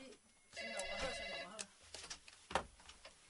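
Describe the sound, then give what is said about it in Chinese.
A telephone rings once in a steady, roughly one-second electronic burst, moderately loud. It is followed by scattered faint clicks and muffled noise. “啊，来妈妈，你电话起来，我进电话还袂转起来吼。”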